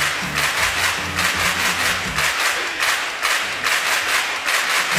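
A burst of applause from a group, dense steady clapping that fills the whole stretch, with a brief low hum or murmur in the first half before the clapping carries on alone.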